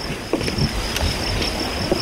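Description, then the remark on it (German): A small boat rocks on the water, with soft knocks and lapping against the hull over a steady windy wash. No one speaks. “Das Boot hat so einiges erlebt.”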